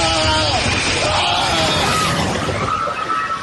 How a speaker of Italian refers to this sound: Un boato e poi le grida.